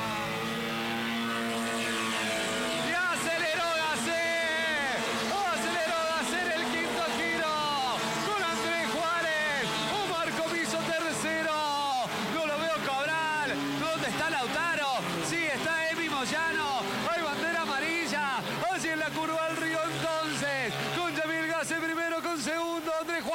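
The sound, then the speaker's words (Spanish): A pack of racing car engines roars loudly as they accelerate together at the green flag start of a race, with overlapping pitches climbing and dropping through repeated gear changes, a dense, continuous mechanical howl throughout. “¡Bandera verde! ¡Escucha, escucha, acelera!”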